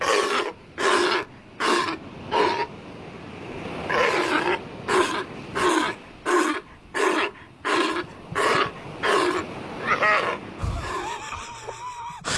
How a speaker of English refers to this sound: Now, they do look cuter than they sound. That is the Australian sea lion.